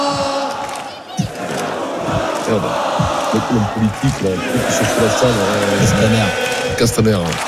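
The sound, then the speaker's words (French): A dense crowd of football supporters celebrating a European championship chants and cheers loudly and continuously, urged on by club president Nasser Al-Khelaïfi, many voices blending into rhythmic, shouted chanting with raucous energy throughout. “Le président Nasser Al-Khelaïfi prend une première fois la parole, il appelle ses supporters à faire la fête dans le calme, et il se transforme même en chauffeur de foule.”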